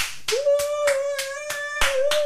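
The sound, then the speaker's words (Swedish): The editorial team of a summer broadcast claps in a steady rhythm, about seven sharp, evenly spaced claps, while a sustained whistle-like tone holds underneath throughout. No one speaks. “Det var ödlig redaktionen här i sommarsändningen som klappar för dig”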